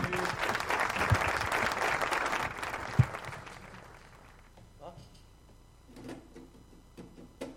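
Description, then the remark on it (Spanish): A burst of enthusiastic audience applause for a group playing live on an FM radio broadcast, dense and loud for a few seconds before fading away, followed by a few people speaking quietly. “toca en vivo con este aplauso enorme”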